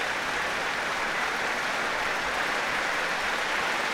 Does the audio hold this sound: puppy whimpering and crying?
no